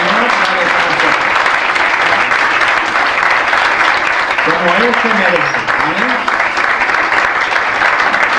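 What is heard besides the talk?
audience applauding loudly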